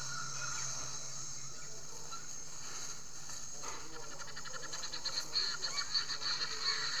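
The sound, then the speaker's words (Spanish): A flock of guinea fowl heading toward a river and crowding together chatters in rapid, rhythmic bursts that build over the second half, over a steady background of outdoor ambience. “Las gallinas de Guinea, quienes nunca viven lejos del agua, también van hacia allá. Son difíciles de perder.”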